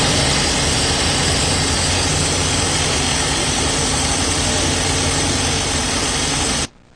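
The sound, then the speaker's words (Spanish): A water pump engine, Capacet equipment lowering the standing water level beside a boulevard, drones steadily at one even pitch, loud and unbroken, with a low mechanical rumble and vibration, then cuts off abruptly just before the end. No one speaks. “Tenemos aquí este equipo que es muy importante, porque este equipo en 3 o 4 horas va a bajar completamente el nivel del agua que vemos ahorita.”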